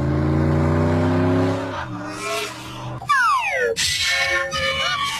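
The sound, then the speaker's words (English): A car engine roars and revs hard, its pitch sliding down and then climbing again as it speeds up, followed by sharp rising whines like tires squealing or gears shifting at high speed. “Now, if your answer is Tiger Woods driving home any given day, you're right.”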